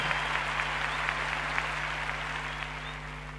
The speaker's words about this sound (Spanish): aplauso. Poppy Espantoco, la Filarmónica de Mendoza.